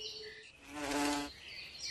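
A hoverfly buzzes, a steady harmonic drone that swells louder for about a second before fading, with faint high hiss around it and no voices.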